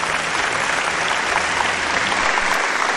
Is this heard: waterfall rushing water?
no